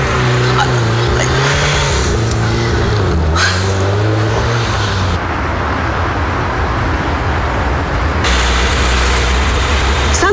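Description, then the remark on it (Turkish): A car engine revs loudly, its pitch climbing and dropping twice, then the car pulls away amid steady road and engine noise. “Nereden buldun bu arabayı? Gidiyoruz.”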